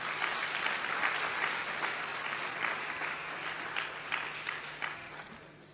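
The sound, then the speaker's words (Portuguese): A crowd applauds steadily, a dense wash of many hands clapping at an even level that thins and fades slightly toward the end, at a session of the Children's Parliament. “Uma salva de palmas para todos vocês.”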